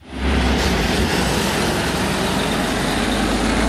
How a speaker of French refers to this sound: C'est un camion qui quitte une usine pas comme les autres, près de Roanne, dans le département de la Loire. Cette usine, c'est Léa de la société de construction Eiffage Route qui innove pour produire des voies plus vertes.